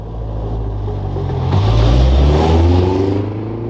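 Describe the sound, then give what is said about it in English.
A family's car engine rumbles steadily, then revs up around the midpoint and pulls away to go to town, the low droning engine tone rising in pitch as the vehicle accelerates. No one speaks. “Later that day, Town Mouse saw the family at the end of the lane getting into the car to go to town.”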